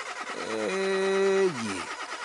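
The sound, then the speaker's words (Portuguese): A voice imitates the engine of a not-so-new car trying to start: a steady, buzzing hum that holds briefly, then sags and slides down in pitch as it dies out without catching. “O que se passa com o motor do meu carro, meu Deus?”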